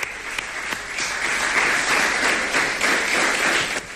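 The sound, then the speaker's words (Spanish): Teammates and coaching staff applaud steadily for about four seconds for Iván Rumbo at his morning press appearance in the Amalata pavilion, a dense, even wash of many hands clapping at once with a few sharper individual claps standing out, and no one speaking. “Los aplausos de nuevo de sus compañeros, del cuerpo técnico que arropaba a Iván Rumbo en esta comparecencia de esta mañana en el pabellón de Amalata.”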